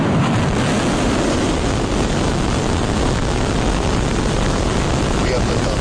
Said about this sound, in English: Last night, the latest iteration of the spacecraft blasted off from a new launch pad in South Texas, powered by 33 of the company's Raptor engines. 5, 4, 3, ignition.